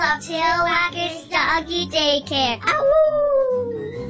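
A dog yips and barks in a quick run of loud, tonal bursts, then lets out a long, wavering howl that slowly falls in pitch.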